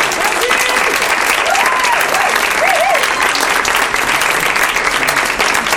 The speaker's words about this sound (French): Merci à vous, vous les applaudissez.